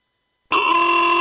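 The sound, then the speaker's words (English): After a brief silence, a car horn blares in one loud, steady, unbroken blast with a bright, buzzy tone that holds to the end without any talking. “Why do I hear honking?”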